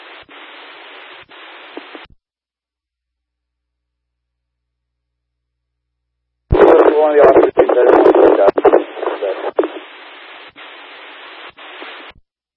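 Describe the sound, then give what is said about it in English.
Crackly, band-limited radio static hisses, cuts out for a few seconds, then returns with a burst of loud, garbled voice transmission that dissolves back into steady static. “I didn't copy. We're all static.”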